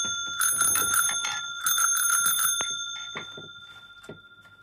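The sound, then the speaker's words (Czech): A bicycle bell rings in two quick bursts of rapid, bright metallic trills, followed by a few fainter single dings as the ringing fades out. “Tak, cinknutí je dobře, zatroubení špatně.”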